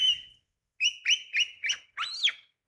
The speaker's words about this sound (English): And right there, the liquid phrases of the pied butcher bird.